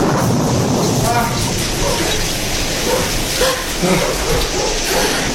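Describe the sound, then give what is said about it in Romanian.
Loud, continuous rumbling thunder rolls through a heavy storm, a dense roar with deep low-end weight that never lets up, with a few faint muffled voices buried underneath. “Cred că o să se potorească furtuna.”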